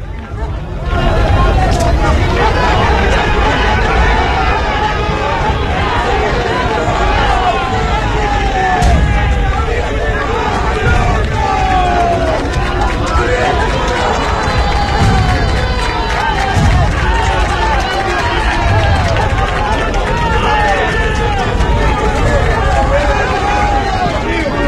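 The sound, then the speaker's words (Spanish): A large stadium crowd shouts and roars as the players come out, in a steady, dense wall of noise, with overlapping voices and occasional whistles rising out of the continuous din. “Empezaron los gritos, vienen los jugadores.”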